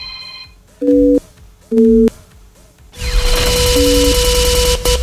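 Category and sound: signal or alarm, telephone busy signal tone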